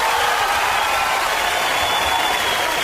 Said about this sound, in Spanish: Aplausos, aplausos, vítores para nuestro querido amigo